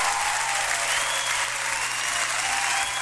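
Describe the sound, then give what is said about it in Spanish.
Loud, sustained applause from a crowd for a new sponsor, MBM Asesorías Tributarias: a dense steady wash of clapping with no breaks, lasting about three seconds with no voices over it. “Así que vamos a dar un gran aplauso a nuestro nuevo auspiciador, MBM Asesorías Tributarias.”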